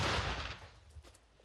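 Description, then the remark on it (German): A single cannon shot, fired on command at target 803: a sharp, booming blast with a deep low rumble that fades over about half a second, followed by a faint thump and a quiet tail. “Geschütz geladen. Luti, Feuer frei. Achtung, Feuer.”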